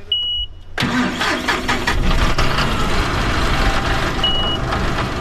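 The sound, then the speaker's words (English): A tractor engine cranks to life after a brief electronic beep, then rumbles loudly and steadily, with another short high beep near the end, at a horse corral in Tarboro, Edgecombe County. “Sam Jenkins does indeed have access to a tractor.”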